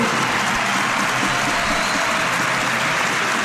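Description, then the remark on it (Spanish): A large arena crowd applauds Breogán basketball player Francis Alonso, number 10 and the Liga Endesa's second-highest scorer, as he is introduced: a dense wash of clapping with a roaring, hissing texture that holds at an even loud level throughout, with no voices standing out. “Aplausos, lógicamente, para el segundo máximo anotador de la Liga Endesa, el dorsal número 10 del Breogán, malagueño, unicajista, que por esto del baloncesto profesional pues está buscándose las habichuelas en el campo de Lugo”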